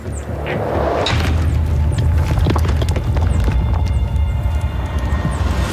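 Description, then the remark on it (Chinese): Sharp cracks of male wild goats clashing horns as a newly arrived challenger attacks, so the fight is no longer one-on-one, with scrambling hoof clatter on rough ground and a low rumble beneath, loud, several irregular impacts in a few seconds. “眼下，这场争斗不再是1对1的较量，新来的挑战者发起了攻击。”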